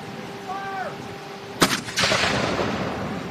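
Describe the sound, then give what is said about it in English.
A sudden cannon blast cracks out, quickly followed by a second booming shot that trails into a long rolling rumble, after a brief whistle-like tone. “We're manifesting our cannons.”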